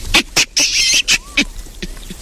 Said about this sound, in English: Real squeaky creature. It's the biggest type of monkey. Like a proper monkey. Very hairy. They're known for kind of looking very smart up on trees and having a bright red bum. Well done if you said today's creature calling in is a baboon.